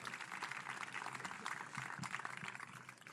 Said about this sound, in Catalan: Aquest aplaudiment és per tots ells.